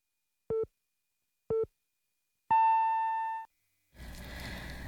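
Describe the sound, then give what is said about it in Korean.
A Korean radio hourly time signal marking 2 o'clock, sponsored by EHL Bio: two short, low-pitched beeps a second apart, then a longer, higher tone about a second long. A noisy wash of sound starts right after. “당신을 지키는 EHL 바이오가 2시를 알려드립니다.”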